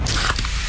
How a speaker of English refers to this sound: You hear that? That's the sound of Pepsi Zero Sugar, the better tasting, more refreshing Zero Sugar Cola. Listen to that endless pour. Pure refreshment. If it sounds this good, just imagine how it tastes.